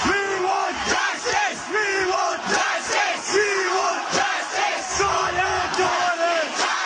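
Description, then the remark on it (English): A large crowd of student protesters, tens of thousands flooding the streets in India against what they see as a corrupt education system and rising youth unemployment, shouts together in loud, rhythmic bursts, many voices chanting and yelling in waves that rise and fall roughly every second, with no single speaker standing out. “Tens of thousands of students are flooding the streets in India again today, protesting what they feel is a corrupt education system and rising levels of youth unemployment.”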